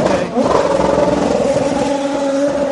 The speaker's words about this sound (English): Another beautiful sounding race car, isn't it? It's got fresh tyres, it's got a tank of fuel.